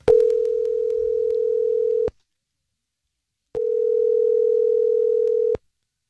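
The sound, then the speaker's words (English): A telephone line tone plays as the Star 101.3 radio show places a call to a woman: two long, steady, mid-pitched electronic tones, each about two seconds, separated by a short silence, with no voices. “I'm going to give her a call, okay?”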